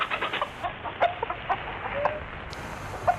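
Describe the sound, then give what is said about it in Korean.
A hen that has just trembled and jumped out of its nest clucks in a quick, uneven series of short, sharp calls, moderately loud, with a steady hiss of background noise and no voices. “암탉이 샛노란 작은 눈을 동그랗게 뜨고 버르르 몸을 떨더니 둥지에서 뛰어나와 꼬꾸댁꼬꾸댁 울어대었다.”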